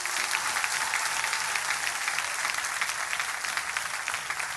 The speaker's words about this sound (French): Bah on applaudit pour l'église là.